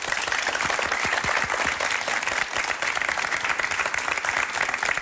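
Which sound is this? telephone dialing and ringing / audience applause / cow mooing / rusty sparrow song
audience applause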